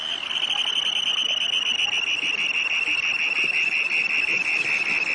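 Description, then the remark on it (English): A small russet, black and white Dunlin flying by gives a harsh, ringing scream as it returns to Earth from its display flight: a sustained, high, buzzy trill that holds steady and loud for several seconds without a break, with a fainter overtone above it. “This beautiful little russet and black and white Dunlin that is flying by issues a harsh ringing scream as it returns to Earth from its display flight.”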